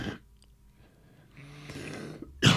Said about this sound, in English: Just having a quick cough. Only a gentle one this week. Last week, I think I nearly threw my throat out.